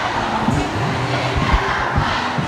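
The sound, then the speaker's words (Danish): A large crowd of protesting students, demonstrating against high teacher absence, overly long school days and run-down schools, shouts together in a dense, steady roar, with overlapping raised voices and occasional louder bursts over a constant wash of noise. “Og sådan her lyder det, når de forsøger at råbe magthaverne op.”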